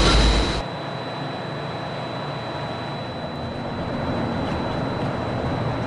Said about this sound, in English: They will be closing in a moment. The monorail will depart momentarily for the Transportation and Ticket Center. Thank you. Please stand clear of the doors.